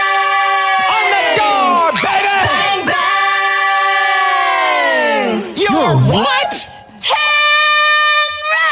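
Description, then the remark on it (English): A woman singer in a pop song recording belts out a long, loud, drawn-out yelled line with sliding pitch, forceful, breaking briefly near the end before a final shout rings out. “If you remember, …, when she yells out.”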